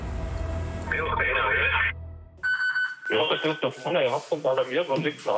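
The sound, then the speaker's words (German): A short electronic alarm of the mountain rescue service in Greinau, Germany: a warbling tone burst followed by a steady multi-pitched beep like a pager alert, then a tinny radio-like voice comes in. “Alarm bei der Bergwacht Greinau.”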